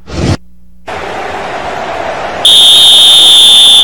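A single long, shrill referee whistle blast held at a steady high pitch, loud and sustained, following a short burst of noise and a stretch of steady hiss.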